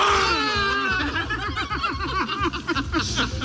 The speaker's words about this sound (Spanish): Sí, estos eran los gritos de euforia del candidato Ulrich Siegmund y la cúpula nacional, Weidel y Krupala.